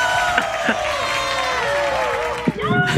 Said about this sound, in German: Was waren das im Hintergrund? Doch, meine Frau. Jubeln alle mit. Ja, das war so schön für die Familie.